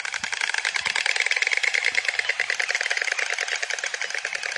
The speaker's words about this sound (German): Es geht über dieses Schnabelklappern, ja? Vielleicht haben Sie das ja schon mal gehört.